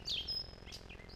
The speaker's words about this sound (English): This has been WSHU's Birdsong Break. Special thanks to the Cornell Lab of Ornithology,